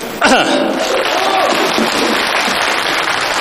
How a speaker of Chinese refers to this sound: 我如果忘词了，我咳嗽一声，就说明我忘词了。您呢，帮我鼓鼓掌，掩盖一下这个尴尬，行吗？各位，等会儿呢，咱先试一下啊，别着急。